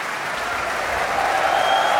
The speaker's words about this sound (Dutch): En terecht zwelt het applaus hier aan voor het prachtige Groot Omroepkoor.